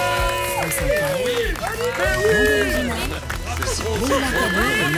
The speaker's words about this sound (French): Rarement Daniel Bénac a été autant applaudi en son absence.